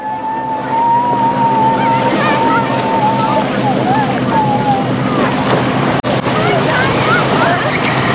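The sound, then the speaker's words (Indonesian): A fishing boat engine idles at the dock with a steady, droning hum as fishermen get ready to sail out to fish at sea, while several people talk and call out in the background over light wind. “Sanggu dan dipung kawan nelayan dong siap-siap di dermaga. Dong siap dong pung kapal semua”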